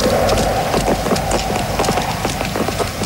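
Sharp, hard clicks of shoe soles striking cobblestones, a steady rapid clatter of overlapping footsteps over a constant background hum, with no talking.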